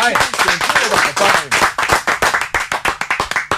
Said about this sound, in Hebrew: זו באמת, אוי, זה כפיים.